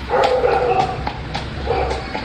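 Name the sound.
dog barking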